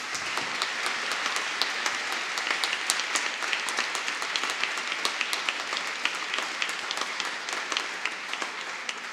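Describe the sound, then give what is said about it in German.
A concert audience in Rostock applauds steadily for the Hochschule für Musik und Theater, the University of Rostock and everyone involved, dense overlapping claps at an even, sustained level for several seconds with no one speaking. “Einen großen Applaus.”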